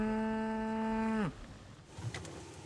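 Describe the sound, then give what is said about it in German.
A single loud, drawn-out moo from German Angus beef cattle just over a dike, steady in pitch and ending with a downward slide, then quiet outdoor background with faint rustling. “Ihre Deutsch-Angus-Rinder sind eine reine Fleischrasse.”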